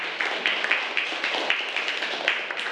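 A group of schoolchildren clapping together in a classroom for a classmate's answer, a steady patter of many overlapping claps at moderate loudness with no speech.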